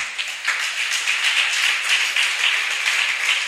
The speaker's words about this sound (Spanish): ¿Cuántos alaban la gloria del Señor? Regálele un aplauso a Jesús, por favor.